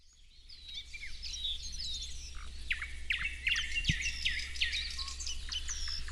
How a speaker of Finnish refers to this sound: On täällä hieno aamu. Taivas on vähän harmaa, ja, mutta on lämmintä ja linnut on aika hyvin äänessä. Kyllä, tässä on satakieliä ja rastaita ja harmaasiepot myös äänessä. Parikkala Siikalahdella siis ollaan.